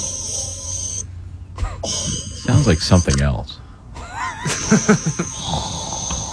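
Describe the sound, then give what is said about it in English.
An AI-generated synthetic voice, asked to make sleep apnea sounds, makes a few rough, breathy snore-like inhales and exhales, moderately loud, followed by a brief stretch of someone speaking. “Yeah, it sounds like somebody snoring.”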